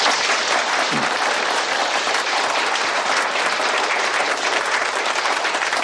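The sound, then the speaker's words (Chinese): Steady applause from village representatives at an on-site meeting in Tianmashan Village, welcoming the Party secretary to speak, many hands clapping in a dense, continuous wash that holds an even loudness for about six seconds, with no voices rising above it. “县里呢和镇上的领导非常重视，今天呢亲临我们天马山村开这个现场会啊，接下来呢请马书记发言，大家掌声欢迎。”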